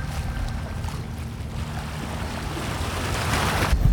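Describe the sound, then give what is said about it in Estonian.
Venice waterside ambience in midsummer: a steady low boat-engine rumble over lapping water and broad wash, growing a little louder toward the end, with no one speaking. “Täna ütlen selle tere teile Veneetsiast.”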